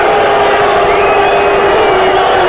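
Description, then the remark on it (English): A loud, sustained roar of a big crowd of fans on their feet cheering behind their team's offense, so loud that quarterback Rabe has trouble hearing: a dense steady wash of voices with occasional whoops rising above it, and no break for the whole stretch. “Well, the crowd was causing that, and Rabe took a timeout right before it ran out.”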